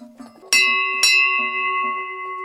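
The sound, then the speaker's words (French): A large cowbell of the kind put on cows for transhumance rings, struck twice about half a second apart, each clang bright and metallic with a long, humming resonance that lingers while faint voices murmur in the background. “Ça c'est plutôt des cloches, bon on les met pour transhumer, mais qui pouvaient rester sur les vaches l'été.”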